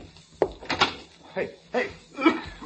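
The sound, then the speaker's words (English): The door to the hall is opened with a sharp click followed by a few short creaks and thumps, heard over muffled voices. “Open the door to the hall.”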